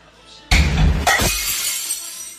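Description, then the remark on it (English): A plate is deliberately smashed with a loud crash at once, followed by a second sharp burst of shattering and then a long, bright tinkle of glassy fragments settling. “Yo, that sounds like a window being smashed.”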